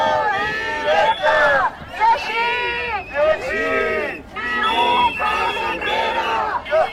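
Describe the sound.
A crowd of protesters in Catalonia's Baix Llobregat and Penedès, following a teachers' strike, shouts and chants together in loud, rising and falling bursts, voices overlapping into a continuous roar with brief dips between cries.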